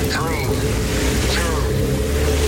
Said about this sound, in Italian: Accensione motori.